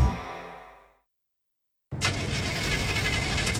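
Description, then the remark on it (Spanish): In a radio advertisement, a car engine cranks over and over without catching, a loud, rhythmic churning that keeps going; the failure is blamed on the car's filter. It starts after a short silence that follows a fading tonal sound. “Otra vez no me partió el auto.”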